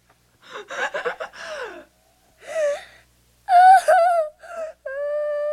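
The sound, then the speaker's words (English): A young boy gasps for air as his breathing resumes after being shut in an airtight cooler, several ragged, sharp bursts, loud, the strained breaths breaking into whimpering, crying sounds toward the end. “he's not breathing.”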